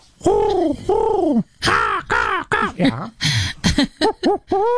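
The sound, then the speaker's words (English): A voice imitates a series of bird calls, loud, starting with two long swooping coos and then a quick run of shorter rising and falling chirps with brief gaps between them. “I don't know if you hear all those birds at the same time.”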